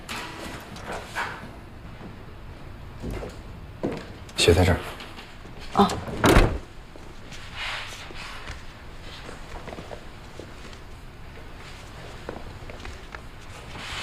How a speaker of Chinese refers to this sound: 开门。